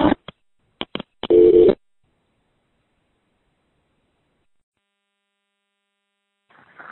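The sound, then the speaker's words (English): A few sharp clicks from a payphone line as the call cuts off because the phone won't take another quarter, then a brief, steady electronic telephone tone lasting under half a second, followed by long silence and faint noise at the very end. “Anyway, another time and this phone won't take my next quarter, so talk to you soon.”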